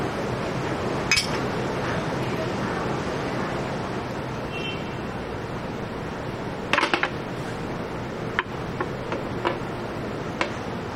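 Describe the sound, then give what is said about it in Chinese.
Glasses clink together in a toast, a quick bright cluster of taps, followed by a few scattered light clinks over a steady, low background hum. “来，干杯，结束我们的游戏生涯。”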